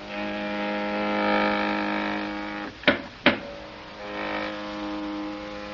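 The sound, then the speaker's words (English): A steady mechanical hum of an elevator car descending its shaft, swelling and fading, with two sharp clunks close together midway. “And in trying to escape from one of the Euclidean guards, they are climbing down the inside of an elevator shaft when the elevator starts down after them.”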